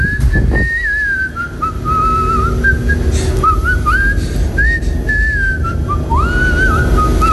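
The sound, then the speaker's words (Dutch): A person whistles a melodic tune for several seconds, the clear pitch sliding and stepping between notes, over a steady low background rumble. “Nou, laten we eerst even naar het fluitje van jou horen.”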